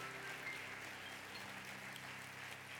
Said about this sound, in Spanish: Entonces, aplauda a Dios que está en este lugar. Apláudale, apláudale.